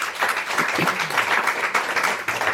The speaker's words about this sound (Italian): c'è lo stacco tra radio e dimensione live, perché gli applausi in radio non arrivano mai, quindi mi devo silenziare rapidamente.